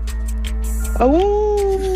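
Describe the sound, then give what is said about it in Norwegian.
Someone imitates a dog with a single drawn-out whining howl that swoops upward and then holds steady for about a second over a low background hum. “Hvem du best på å parodiere? Ingen. Vi må ha et svar her. Hunden. Hundene, få høre.”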